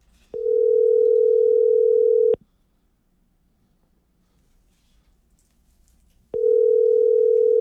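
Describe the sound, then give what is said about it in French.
A telephone ringback tone rings over the line: a steady, fairly loud two-second buzz, about four seconds of silence, then the ring starts again as the call goes unanswered. “Ben non, il fonctionne, ça sonne.”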